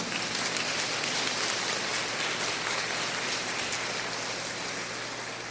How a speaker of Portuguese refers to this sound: Uma salva de palmas.